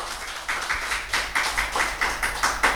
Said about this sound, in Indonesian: Nah, sebelum itu mari berikan tepuk tangan yang meriah untuk para finalis.